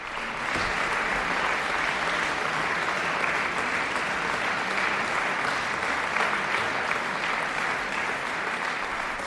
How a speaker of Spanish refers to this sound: Y a estos aplausos del público, las intérpretes respondían con un bis, Melody, la última de las tres piezas que componen Souvenir d'un lieu cher o Recuerdo de un lugar querido, el opus 42 de Tchaikovsky.